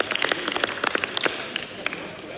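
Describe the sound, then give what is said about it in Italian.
A crowd claps steadily, many hands producing a dense, irregular patter of sharp claps at moderate volume for a couple of seconds, applause as a tribute to emergency volunteers during a speech about a new law. “Abbiamo quindi il dovere di tributare i doverosi ringraziamenti e gli applausi, ma dopo gli applausi ci vogliono i fatti.”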